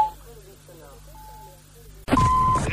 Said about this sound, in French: Après le bip sonore, sinon, attends en silence. C'est à toi de parler après le bip sonore.